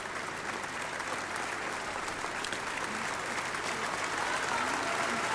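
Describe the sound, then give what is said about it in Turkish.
Sustained audience applause during a flower presentation fills the whole stretch, a dense, steady wash of many hands clapping at a constant level with no pauses. “Evet, alkış devam ediyor.”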